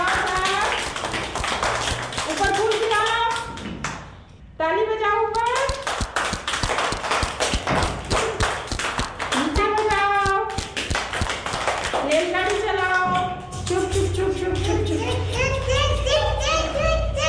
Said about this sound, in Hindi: ताली बजाएं सभी बच्चे।